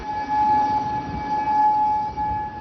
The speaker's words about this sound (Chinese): 在科威特，防空警报无日无之，军方忙于应对来自伊朗的导弹和无人机袭击。